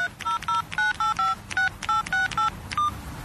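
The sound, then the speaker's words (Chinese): A mobile phone keypad dials a number to make a call: about eleven crisp touch-tone beeps in quick, steady succession, clear, with no voices. “他想了想，立刻给李芬妮打了个电话。”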